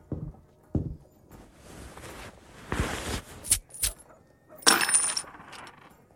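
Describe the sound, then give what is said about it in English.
Gold coins clink and jingle in several bright, metallic bursts, spilling and settling, with a couple of soft knocks at the start and no one speaking. The coins are handed over as payment for rooms at an inn. “Strike me down. Gold coins in gear.”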